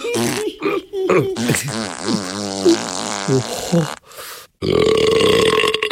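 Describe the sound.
A voice imitates a rapid string of loud burping noises, ending in a long wobbling belch, then after a brief pause a buzzy, sputtering fart sound.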